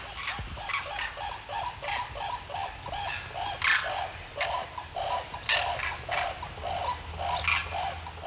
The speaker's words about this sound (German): Und hier ist traditionelles Kranichrastgebiet. Die letzten Abende waren regelmäßig Kraniche hier. Zwar immer nur 100 bis 200 Stück.